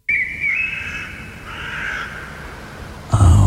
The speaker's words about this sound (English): Third one is a little bit different. It doesn't have that background. It's forest sounds.